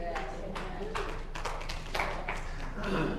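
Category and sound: crowd, a few hand claps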